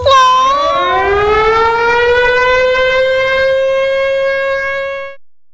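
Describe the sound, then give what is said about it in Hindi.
A loud mill siren sounds one long, continuous blast, its pitch sliding up at the start and then holding a steady rich tone before cutting off. No voices are heard. “वो क्या बजाते हैं भाई? नील का भोंपू।”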